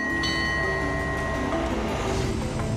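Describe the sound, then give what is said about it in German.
A train rolls steadily along a small quay on the remaining stretch of the Thailand-Burma Railway, which ends in Nam Dok, with continuous rumbling and squealing metallic wheel tones, the sustained screech of the rails shifting pitch as the cars move. “Unser Zug schlängelt sich noch ein wenig weiter entlang des kleinen Quais.”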